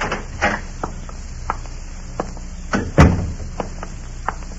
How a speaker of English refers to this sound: Don't stand out there and knock.